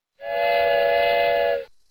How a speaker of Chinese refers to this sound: 1928年6月4日，在北京开往东北的京凤铁路线上，一列22节的专列车头冒着浓烟，一路呼啸向山海关方向飞驰。